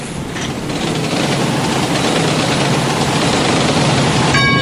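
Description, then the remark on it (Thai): A train rumbles and hisses loudly and steadily, a continuous wash of mechanical noise, with a brief high-pitched metallic squeal right at the end, at Phatthalung railway station in Thailand. “ที่นี่สถานีรถไฟพัทลุงท่านที่จะเดินทางไปกรุงเทพกรุณาตรวจดูสิ่งของสัมภาระของท่านให้เรียบร้อย”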